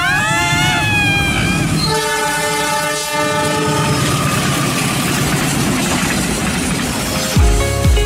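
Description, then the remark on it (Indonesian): A train rumbles past a level crossing with no barrier while a car waits, its horn blaring in long sustained tones over the steady roar and rattle of the wagons rolling by, with a heavy thud near the end. “Ya nggak bisa, Rio, diluanin kereta lewat baru mobil kita.”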